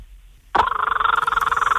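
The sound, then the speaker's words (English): A person imitates the call of a kookaburra, an Australian bird: after a brief silence, a loud voice breaks into a rapid, steady stream of pulsing, harmonic cackles held at a fairly constant mid pitch. “Now, I know you can also do the kookaburra, another Australian bird, so let's have that one.”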